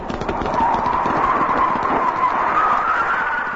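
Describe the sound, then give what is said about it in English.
Rapid, pounding hoofbeats of a black horse with a rider galloping hard past the listener, loud, with a rushing, rumbling texture that stays steady throughout and no voices. “Gunpowder, the black steed, and the goblin rider passed by like a whirlwind”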